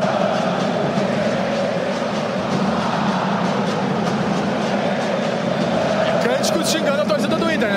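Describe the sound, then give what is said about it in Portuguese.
Football fans chant together in a stadium at a Grenal derby between Grêmio and Internacional, a loud, steady roar of many voices that holds without pause from start to finish, with no single voice standing out. “Tá bom, tá bonito o som da galera aí.”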